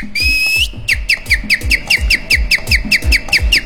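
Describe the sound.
Someone whistles a quick tune: one long held note, then a fast, steady run of short chirpy notes over a rhythmic low thumping beat, with no talking.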